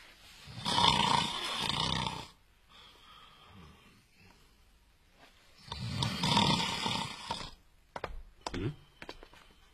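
A man asleep on a seat in an all-night cinema snores loudly in two long, rasping breaths several seconds apart, with quieter breathing in between and a few brief clicks and snorts near the end.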